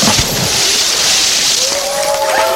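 A loud splash as a log drops into a pond, followed by a rushing, sloshing wash of water that continues to the end, with a faint tonal whistle rising near the end.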